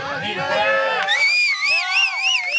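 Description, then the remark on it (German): A crowd cheers loudly and continuously as a humpback whale stranded in the Baltic Sea is moved in a huge tub for transport to the North Sea, many voices overlapping in excited shouts and rising whoops, some high and childlike. “Die Leute jubeln.”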